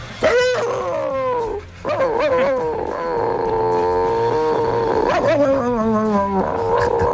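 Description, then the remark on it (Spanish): A voice imitates the bark of a neighbour's chihuahua named Klotsky with a loud run of shrill, whiny yelps. Several drawn-out cries slide downward in pitch, with no talking around them. “Y le hacía el mismo ladrido que hacía él, que era una ver. Cosa como esta.”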